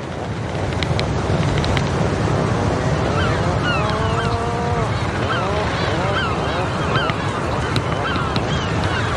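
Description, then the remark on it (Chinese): A cluster of newly arrived sea hawks greets one another after a winter apart, tapping beaks and giving rough, honking grunts and rising squawks. The calls overlap against a steady rush of wind and surf on a breeding island off western Europe. “分别了一个冬天后，刚到的海鹰受到热情欢迎，它们相互用喙敲击并发出咕哝声示好。”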